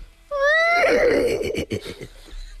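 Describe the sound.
A person imitates a horse's whinny: a loud, high wavering cry that breaks into a rapid, shaky, fluttering series of breathy pulses, trailing off after about two seconds.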